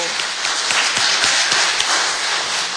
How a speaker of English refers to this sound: Let's give them a round of applause one more time. Thank you.